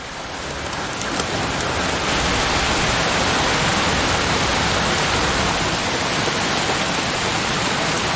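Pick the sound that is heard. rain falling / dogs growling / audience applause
rain falling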